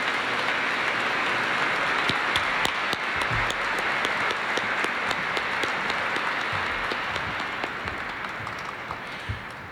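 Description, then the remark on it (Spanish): A crowd claps steadily for about ten seconds, applauding in thanks to Monsignor José Vicente, a dense wash of overlapping hand claps with sharper individual claps popping out, gradually tapering slightly toward the end. “Le damos un fuerte aplauso y damos gracias al Señor.”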